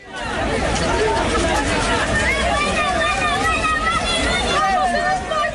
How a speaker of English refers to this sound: Well, that footage shows crowds of people, many of them Moroccans, running along the beach in Ceuta.